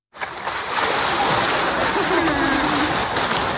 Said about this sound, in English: A recording made of the large South American sea lion Hugo at Liberec Zoo last week.